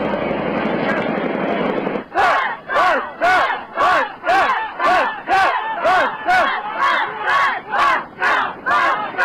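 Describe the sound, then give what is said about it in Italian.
A protest crowd at a mass demonstration in Italy, with over 300,000 people from across the country, shouts in unison, chanting a loud rhythmic slogan in about a dozen steady, evenly spaced bursts, after a couple of seconds of dense, rumbling crowd roar. “E ancora le infiltrazioni dei Black Bloc scateneranno la reazione delle forze dell'ordine anche contro inermi e pacifici manifestanti.”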